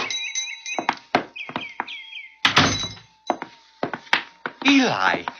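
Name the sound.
door being opened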